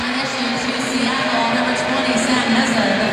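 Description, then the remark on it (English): A stadium crowd at an Angel City vs Seattle soccer match applauds as player Ari Borges gets up in the 44th minute, with Angel City leading 2-0. The clapping and crowd noise form a steady, loud wash that holds evenly for about three seconds, with a faint low tone underneath and no clear speech. “And then Ari Borges headed in and Evelyn Shores corner kick in the 40th as Ari gets up and gets a round of applause.”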